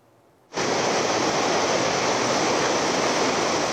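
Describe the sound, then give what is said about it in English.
After a brief quiet moment, a loud, steady roar of rushing water bursts in and continues without pause, a dense churning wash of the swollen, stormy Trishuli River in Nepal after deadly flash floods. “Nepali authorities erected makeshift zip line to help stranded residents travel across the stormy Trishuli River after deadly flash floods had swept away the bridges, leaving large areas cut off from the main town.”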